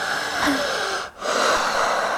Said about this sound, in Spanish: Pues respiración profunda por la boca. Profunda, eso es todo.